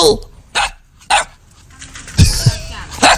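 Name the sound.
puppies barking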